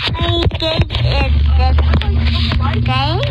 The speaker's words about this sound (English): Like, you can hear mom driving the car. Baby's got the phone.